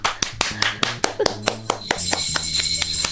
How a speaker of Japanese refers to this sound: スタジオ2人だからこれぐらいしか拍手が出ないけど、私にとっては思い切った決断なんです。